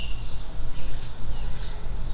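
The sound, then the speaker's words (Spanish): Steady, high-pitched birdsong with thin, warbling trills, heard continuously over a low background rumble, with no voices. “Si fuésemos capaces de oír el canto de las aves de la misma manera exacta que un pájaro lo oye, ¿seguiríamos considerándolo bonito?”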